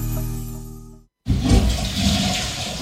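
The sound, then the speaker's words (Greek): A steady low hum cuts off into a brief silence, then a loud toilet flush rushes in, a broad gushing roar of water that holds strong to the end. “Τουαλέτα χωρίς να την ξυπνήσεις, δύσκολο.”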